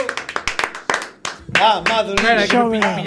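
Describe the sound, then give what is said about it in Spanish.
A short burst of audience applause for Xin Chinpín, sharp claps in a quick uneven patter for about a second and a half, then loud voices talking over the last scattered claps. “Por favor, falta aplauso, que non marche, Xin Chinpín.”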